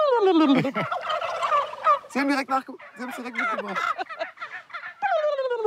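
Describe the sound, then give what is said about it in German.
Many male turkeys gathered in one spot gobble in overlapping bursts, their rapid, warbling rattles rising and falling like a wave. The calls are loud, with no talking. “Die Männer die machen Hähne, die kollern. Und wenn viele Hähne auf einem Platz sind, dann hört sich das richtig, wie so eine Welle kommt es dann so.”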